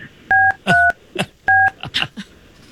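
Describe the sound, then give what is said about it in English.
Three crisp telephone keypad tones beep in sequence as a phone call is dialed, each a short steady dual-pitch note, with brief muffled voice sounds in the gaps between them. “We're going to make this call”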